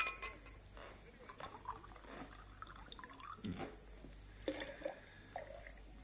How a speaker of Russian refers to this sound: Выпьем за его здоровье. Наливай.